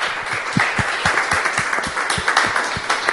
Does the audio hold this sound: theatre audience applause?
yes